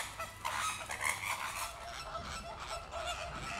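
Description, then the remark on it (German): A dense chorus of breeding flamingos honking and squabbling with neighbours at their tightly packed nests, many overlapping nasal calls, busy and continuous with no pauses, fairly loud throughout. “Da sieht man wieder so einen typischen Streit. Also je mehr, desto glücklicher und je mehr Nachbarkeitsstreit gibt es.”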